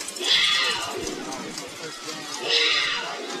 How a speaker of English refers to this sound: Hear the Wildcat sound coming out of the scoreboard that's just to our left here. Opposite of our usual hawk screech.